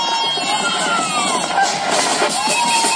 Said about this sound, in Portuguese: Uma multidão esteve no aeroporto da Praia para receber os Tubarões Azuis.